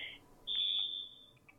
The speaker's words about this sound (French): Attends, j'attends juste parce qu'il y a la sonnerie du téléphone, du coup.